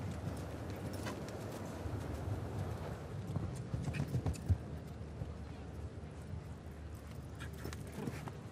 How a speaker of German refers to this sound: Ja, oh, jetzt tritt das Pferd zurück. Das ist dann 4 Punkte.